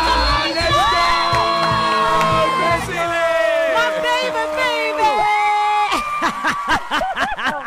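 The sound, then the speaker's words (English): A woman screams excitedly over the phone during a radio call about a smartphone giveaway from Capitec Connect, in loud, high-pitched, wavering bursts that run for several seconds, with overlapping shrieks and whoops. “Wait, she's screaming, but she doesn't even 100% know.”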